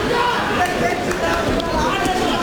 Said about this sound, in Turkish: Köşe hala o bitti o bitti diye bağırıyor. Gazı veriyorlar Trevor Reeves'e.